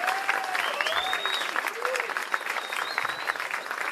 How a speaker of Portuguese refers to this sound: Queria pedir uma salva de palmas especial para o nosso técnico de som, assim, que é um craque, que é o Alexandre Hang, que resolve tudo para a gente.